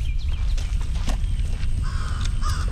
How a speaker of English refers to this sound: I guess one thing we can talk about is this bird has flown by and made itself known.